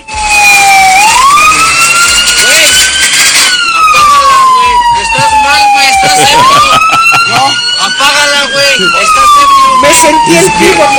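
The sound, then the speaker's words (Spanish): A loud siren of an Instituto Mexicano del Seguro Social ambulance, fleeing after crashing into several vehicles in Azcapotzalco, Mexico City, wails in slow rising and falling sweeps, filling the whole stretch with a steady electronic tone over faint background noise. “Este conductor de ambulancia del Instituto Mexicano del Seguro Social, allá en, como bien lo dice el señor Peruzzi, en Azcapotzalco, en la Ciudad de México, pues sí chocó varios vehículos y se quiso dar a la fuga.”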